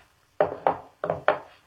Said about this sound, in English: Then he got up, took out his gun, laid it on the table.